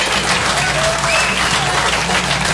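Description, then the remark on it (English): A comedy show audience claps steadily, a dense wash of many hands at full volume for a few seconds, with no voices rising above it. “That's a good crowd right there.”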